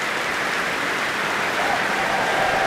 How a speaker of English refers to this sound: And that cheer is for a horn player from way back at the first half of this prom, horn player Ursula Pajulan-Monbert.